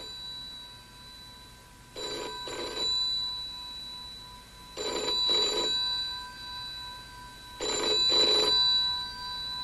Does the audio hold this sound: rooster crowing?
no